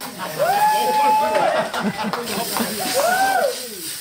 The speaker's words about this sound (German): Erst gab es eine wilde Champagner-Dusche in der Umkleidekabine.